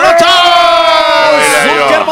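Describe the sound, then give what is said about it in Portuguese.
An audience cheers loudly, a sustained wash of whoops and raised voices with applause mixed in, holding steady for the full couple of seconds, as a guest is introduced. “Palmas para”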